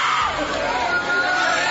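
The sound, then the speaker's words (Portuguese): An audience shouting all at once, calling on Jesus to burn the devil, a dense, loud wall of overlapping yells and cries that holds steady for the whole moment without a break. “Vai gritando pra Jesus queimar ele.”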